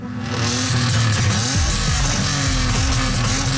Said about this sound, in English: But the largest number of noise complaints to Toronto city councillors is about loud trucks, motorcycles, and cars.